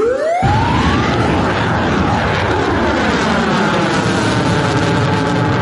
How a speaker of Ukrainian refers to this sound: Ще від 5 червня у курортному місті постійно звучить повітряна тривога через загрозу БПЛА.